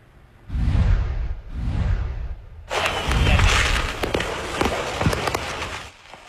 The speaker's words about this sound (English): A trailer loaded with fireworks exploded on an interstate in southeastern Tennessee. This video was shot by the Chattanooga Fire Department. It shows a bizarre scene along Interstate 75 Saturday in Hamilton County.